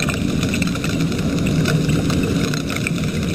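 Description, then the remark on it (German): A dense, steady crackle of countless tiny snaps from a mass of pistol shrimp, merging into a sizzling hiss over a low rumble, with no voices. “So klingen Pistolenkrebse, wenn ganz, ganz viele von ihnen zusammenkommen.”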